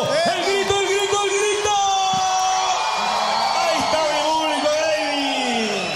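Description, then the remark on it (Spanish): A crowd in Punta Arenas, Magallanes, on a cold day, erupts in loud, sustained cheering and applause for a charro music group, with many voices whooping and yelling over dense clapping that stays steady for the whole stretch. “¡Fuerte el aplauso!”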